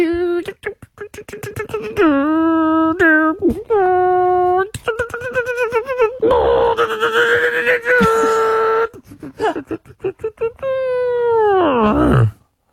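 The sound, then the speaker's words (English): A voice imitates a growl: quick rattling pulses at first, then loud sustained moaning tones, a harsh raspy stretch in the middle, and a final drawn-out note that slides downward. “No, there's one bit where it growls, it goes. That was the growl. I did the growl.”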